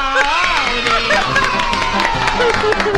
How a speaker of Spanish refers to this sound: aplauden.